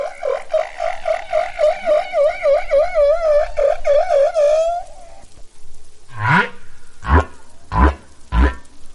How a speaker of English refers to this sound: Male humpback whales sing long, elaborate songs to attract mates, and they learn new song types every year.